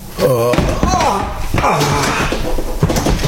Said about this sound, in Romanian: Am răsturnat un scaun din greșeală.